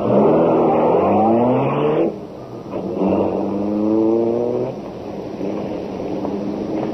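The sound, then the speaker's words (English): The Black Beauty car's engine roars and accelerates hard as it gets away, its pitch climbing steadily, dropping briefly at two gear shifts before rising again. The sound is loud and continuous, with no voices. “Step on it. Get the Black Beauty out of here.”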